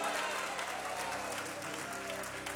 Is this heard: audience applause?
yes